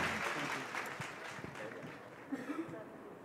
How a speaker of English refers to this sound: Huge round of applause for the team of Chor Bazaar.